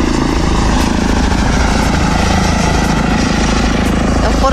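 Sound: electric airplane flying past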